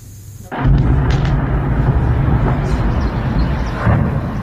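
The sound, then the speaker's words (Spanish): After a brief quiet moment, a sudden loud blast erupts into a heavy, continuous rumbling roar, with a few sharper bangs and crackles scattered through it: explosions and fires at the oil terminal of St Petersburg, Russia, before dawn during a Ukrainian drone attack. “Explosiones e incendios sacudieron durante la madrugada la terminal petrolera de San Petersburgo, una de las infraestructuras energéticas más importantes de Rusia.”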